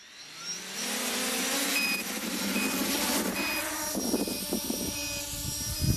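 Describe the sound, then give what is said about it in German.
The rotors of a homemade drone, one of the first three drones built by a tinkerer from Saienogorsk and tested by camera operators, spin up into a steady, high-pitched whirring buzz with a constant tonal whine, holding loud and even for several seconds with no voices. “Starte die Rotoren.”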